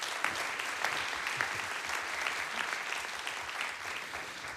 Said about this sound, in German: Wir bedanken uns bei unseren Rundfunkkollegen aus Südtirol und Tirol, bei Heike Genett von der Reihe Südtirol und bei Peter Kostner vom ORF Tirol. Bitte nochmal einen Applaus für unsere Kollegen.